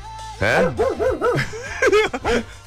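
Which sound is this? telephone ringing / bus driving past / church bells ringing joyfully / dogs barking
dogs barking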